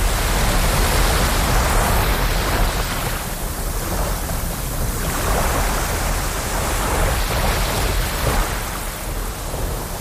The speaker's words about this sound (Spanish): Volvemos al estudio 101 de la Casa de la Radio con esas olas relajantes de fondo